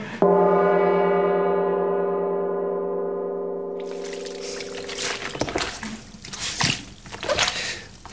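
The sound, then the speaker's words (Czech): A sustained ringing tone fades out, then wet squelching and sloshing foley noises follow, made by radio sound-effects staff squelching a small towel to represent a duchess in mud, in irregular bursts with no talking. “Čvachta tam nějakým ručničkem, nebo co to je, protože kněžna je v blátě, jo?”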